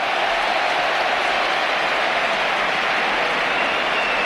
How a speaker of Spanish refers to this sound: y va a debutar uno de los jugadores que están llamados a marcar una época en el Betis, José Antonio Morante, 19 años, debuta en el costado izquierdo del Betis. Ahí está la ovación.